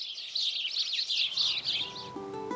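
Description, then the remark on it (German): Dense, continuous chirping of several sparrows feeding in a garden, bright and busy, filling the whole moment; a faint tonal hum creeps in near the end. “Hier in diesem Garten haben es die Spatzen ziemlich gut getroffen.”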